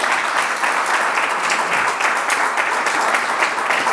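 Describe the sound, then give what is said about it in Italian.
An audience applauds steadily for the whole stretch, a dense, continuous patter of many hands clapping at an even, fairly loud level with no voices on top. “facciamo un applauso.”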